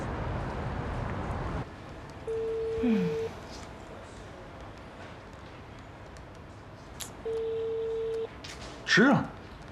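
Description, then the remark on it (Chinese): A phone call to a home rings out unanswered: two steady, one-second ringback tones spaced about four seconds apart over a faint hiss, with a short whooshing sound near the end. “哎呀，家里应该在家呀，这怎么不接电话呢？”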